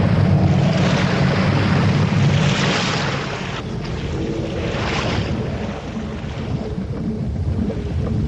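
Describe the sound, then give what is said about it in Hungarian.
A loud, continuous roar of storm wind and crashing waves at sea, surging in swells around a creaking boat, with no voices. “Kitört a vihar! Legyésség a fedélzetre!”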